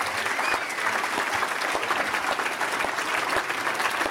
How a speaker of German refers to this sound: Mal einen Applaus für die gesamte Technik hier auf dem Gelände. Es sind viele tolle Kolleginnen und Kollegen.